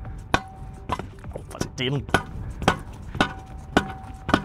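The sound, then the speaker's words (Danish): A reporter strikes something hard with a hammer again and again during a live radio broadcast, about eight sharp blows at a fairly steady pace, with a brief vocal sound in between them. “Det er selvfølgelig lidt sjældent, at det er reporteren, der står og banker”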